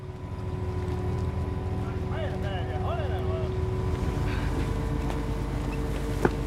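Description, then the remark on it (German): A boat fully loaded with mussels heads back across a fjord after about six hours, its engine droning steadily, a low, constant rumble with a humming tone that persists throughout, while a few faint, brief high calls rise above it midway. “Nach gut 6 Stunden ist das Boot voll beladen und es geht zurück.”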